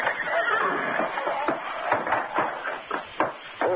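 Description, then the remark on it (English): A horse whinnies and neighs repeatedly in a stable, loud, wavering calls filling nearly four seconds, with a couple of sharp knocks like hooves striking wood in a stall. “What about horse? I want to see Firefly stall.”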